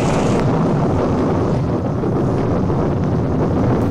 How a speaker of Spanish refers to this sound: Y de pronto estalla de nuevo la tormenta.